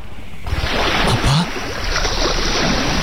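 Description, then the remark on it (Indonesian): A loud, steady rush of ocean waves at the sea, starting abruptly after a brief quieter moment and continuing as a dense wash of water with no talking. “Kenapa kau membawa aku ke laut”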